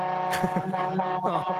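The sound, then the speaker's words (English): A steady, droning truck engine hums inside the cab, a low mechanical rumble with shifting tones, while a muffled voice briefly sounds over it. “I'm just going to jump out of the truck.”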